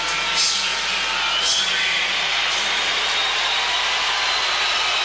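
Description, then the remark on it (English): A big baseball stadium crowd of about 34,000 roars and cheers as Jose Altuve comes to the plate for his first plate appearance of the game, with two men on and two outs, a loud, dense, unbroken wash of voices holding steady for about five seconds with no single voice standing out. “Well, that's as loud as we've heard it for Altuve on his first plate appearance of a game. We've got another big crowd here today.”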